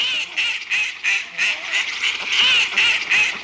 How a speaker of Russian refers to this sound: За мной гусенок гонится! Чего я ему сделал-то? Только и подсмотрел, как он из скорлупы вылупился, и все. А он меня увидел, давай бегать за мной.